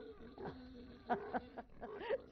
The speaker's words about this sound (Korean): 잘 먹는다. 돼지물을 주던 모양이구만.